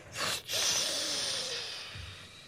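A loud snore: a rough, snorting inhale with a breathy hiss and a faint whistling tone, followed by a brief low rumble as it trails off. No one speaks.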